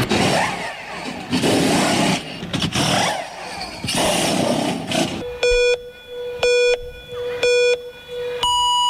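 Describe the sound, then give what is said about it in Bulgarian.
Loud, roaring Formula 1 engines surge and sweep past in waves for about five seconds, then give way to a series of evenly spaced electronic beeps. “Баравме денеска Формула 1.”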